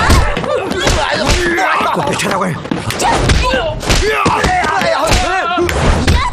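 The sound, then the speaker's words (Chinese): A wooden coffin being smashed: repeated heavy, dull thuds and knocks in an irregular rhythm, loud and nearly constant, mixed with overlapping shouting voices throughout. “小的们，把棺材给我砸了”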